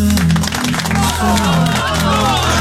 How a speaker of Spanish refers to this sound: Señoras y señores, aplaudimos, por favor.